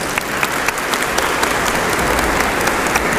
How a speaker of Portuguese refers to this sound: Vamos nos sentar um instante, uma salva de palmas aqui.